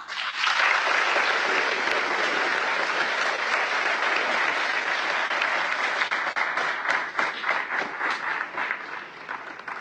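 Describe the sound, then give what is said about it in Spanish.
A large audience applauds loudly and steadily for about ten seconds for the achievements of San Miguel de Allende, credited largely to the governor, Lidia Denise. A dense wash of clapping thins slightly near the end, letting individual claps stand out. “Así es de que todos los logros que ha tenido San Miguel de Allende, por supuesto que gran parte de ese aplauso se lo debe llevar la gobernadora Lidia Denise.”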